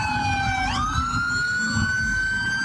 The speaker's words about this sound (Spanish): Las protestas y en esta oportunidad de los tripulantes de ambulancia que llegaron hasta Medical, este centro de asistencia en la localidad de Kennedy, hicieron una pitazón y además prendieron las alarmas